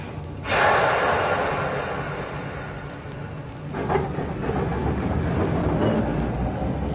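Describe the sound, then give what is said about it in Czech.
A train rumbles into a railway station with a loud, steady hiss and low clatter, then the sound shifts partway through as it pulls away again. No one speaks. “Když přijel ten vlak, co jel správným směrem, svišť radostně zapískal, uí, uí, a vlak zase hned odjel.”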